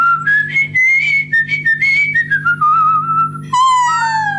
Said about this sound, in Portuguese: Assim assobiando, nem preciso de andar a carregar o instrumento. De um lado para o outro.